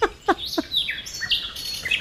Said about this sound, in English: The sounds of birds.